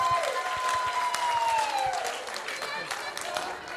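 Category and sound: crowd, applause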